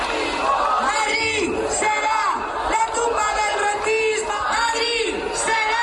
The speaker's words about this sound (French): les protestataires sont omniprésents autour de la Puerta del Sol, de la place de Cibeles ou encore de la place d'Espagne où on peut entendre ce slogan crié à plein poumon.